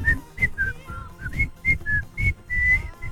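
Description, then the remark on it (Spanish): A person whistles a short, bouncy melody from an old advertising jingle, about ten quick notes rising and falling in pitch, fairly clear, with a low breathy rumble underneath. “Pará, y si yo les hago, no voy a poder silbar por esto, pero había una cosa que era.”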